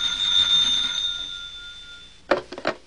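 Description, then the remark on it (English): A bright, metallic office telephone bell at the ABC Aeromotive Company rings once in the morning with a shimmering high tone that slowly fades, followed by a few sharp clunks like a receiver being lifted. “This morning, the phone rings in his office.”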